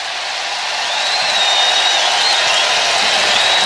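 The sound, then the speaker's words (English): A baseball crowd jeering, a Bronx cheer, swells into a dense, steady roar of many voices that grows louder after the first second and holds, with a thin whistle riding above it. “And a bit of a Bronx cheer there.”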